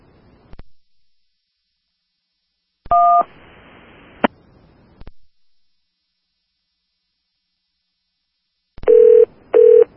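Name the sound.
telephone keypad dialing tones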